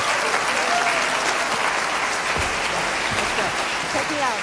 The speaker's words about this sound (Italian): Una serata di straordinario fascino che sfocia in questo emozionato applauso del pubblico del Cinema Teatro di Chiasso il 18 aprile 2026, che accoglieva una leggenda vivente della musica jazz, del musical, del cabaret e del cinema